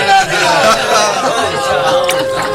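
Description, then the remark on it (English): A crowd in a city cheers and shouts in a dense, continuous roar of many voices, steady and loud throughout, with a long sustained bugle tone rising out of the din near the end. “That bugle and the cheering. The city is in an uproar.”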